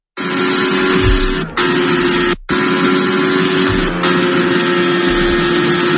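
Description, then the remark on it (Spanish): The engine of Fernando Alonso's Formula 1 single-seater, on its first laps of the new Madrid circuit at the Spanish Grand Prix, roars loudly and continuously, a harsh high-revving whine with steady tonal layers, briefly cutting out twice before surging back. “Esto que escuchas es el sonido del monoplaza de Fernando Alonso.”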